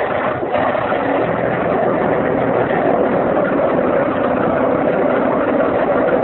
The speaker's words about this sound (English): I'll get the motor started. We'll be off in a jiffy.